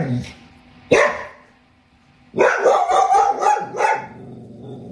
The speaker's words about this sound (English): I was nodding off to sleep, and he saw our neighbor walking his dog, Desi. Anytime he sees anything out the window, the dog starts barking, waking me up.